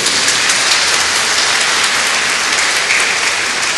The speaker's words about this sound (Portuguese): uma salva de palmas para eles aí.